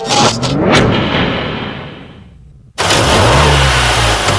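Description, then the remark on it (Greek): A car engine revs hard and accelerates, its pitch sweeping up then fading, followed by a sudden cut and a second loud burst of roaring engine with rising harmonic tones; the car was recently serviced at the Thanopoulos Service garage. “Ακούσε πως πάει, ακούσε υποδύναμη, ροπές! Πάει σφαίρα το εργαλείο, άλλαξες μηχανή.”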